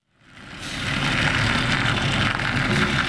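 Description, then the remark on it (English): A white delivery truck's engine rumbles in, fading up over the first second, then holds a steady, loud, rough drone with gritty low-end rattling as it turns out of a commercial lot and rolls down a narrow cobblestone street in Red Hook, Brooklyn, on a summer morning. “It was just another summer morning in Red Hook, Brooklyn, as a white delivery truck turned out of a commercial lot and rumbled down a narrow cobblestone street.”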